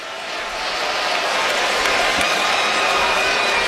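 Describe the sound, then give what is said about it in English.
A large, stunned stadium crowd at Bryant-Denny Stadium, just after a Florida State touchdown in an NCAA football game, fills the air with a steady, broad wash of murmuring noise, holding at an even level throughout without cheers or distinct voices standing out. “A stunned crowd here at Bryant-Denny Stadium.”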